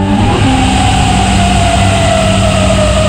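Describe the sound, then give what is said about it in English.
A loud air raid siren wails in Kuwait City early in the morning during Iranian drone and missile attacks, in one long, steady tone that slowly sinks in pitch over a low background rumble, with no voices heard. “Sirens sound in Kuwait City early this morning as Iran responded to a new wave of U.S.”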